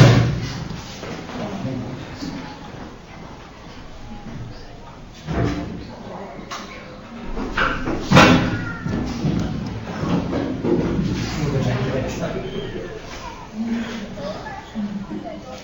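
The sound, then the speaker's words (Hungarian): A heavy chair, too heavy for the person holding it, drops and thuds onto the floor, followed by a sharper bang a few seconds later, with muffled voices and shuffling carrying on in the background. “csak nehéz a szék, és nem bírtad el, nem, semmi baj nincsen.”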